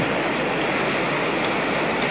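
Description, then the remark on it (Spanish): A steady, continuous rush of river water flowing through a man-made channel that engineers built in the riverbed to keep the water out of a reflecting pool, fairly loud, with no pauses or other sounds and no voices. “Super dotado, han hecho un canal, ¿no es cierto?, para que el agua no pase por el espejo de agua, sino que...”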